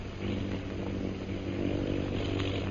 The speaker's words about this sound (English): Do you hear those planes, Bhutan?